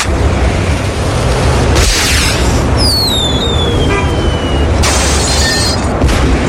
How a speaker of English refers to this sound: can I set off the firework? Yeah, go ahead. I don't care. Okay.